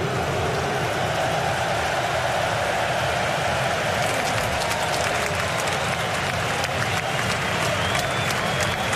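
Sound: applause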